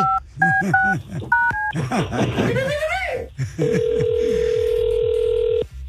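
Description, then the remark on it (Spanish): About five quick electronic dual-tone beeps from a phone keypad being dialed, with voices and laughter around them, then a steady held tone for roughly two seconds. “A ver si contesta.”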